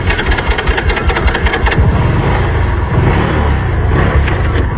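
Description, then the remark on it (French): The motorcycle engines of two eco-guards run at dawn at the entrance of the Chinko airfield in a wildlife park, ready to clear the runway; loud, a steady low rumble with quick throttle revs flaring in the first couple of seconds before settling into an even idle-like drone. “Moteurs prêts, les éco-gardes se tiennent en alerte pour dégager la piste.”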